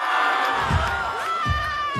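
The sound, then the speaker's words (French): Dozens of high school students in Mâcon cheer and shout loudly for a police officer in uniform and bulletproof vest doing an 'AK' among them as they film him, many excited voices overlapping in a dense, continuous roar, with clapping mixed in and a few dull thumps. “Voilà, un policier en tenue avec son gilet pare-balles qui fait un AK au milieu de dizaines de lycéens qui le filment, qui l'applaudissent, qui l'acclament, vous les entendez.”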